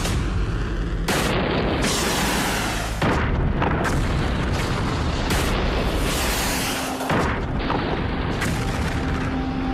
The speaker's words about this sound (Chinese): 导弹命中目标。